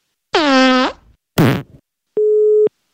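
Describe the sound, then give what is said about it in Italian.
Two short, rude fart-like noises, one buzzy and falling in pitch, then a single steady mid-pitched telephone busy-signal beep lasting about half a second as a listener's phone call drops. No one speaks. “Deve essere caduta la linea.”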